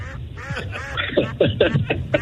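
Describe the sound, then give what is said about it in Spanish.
A goose honks repeatedly, a quick run of five or six nasal, rasping calls that grow louder toward the end, with no voices present. “Si usted, por ejemplo, saca a pasear el ganso, no queremos que venga cansado.”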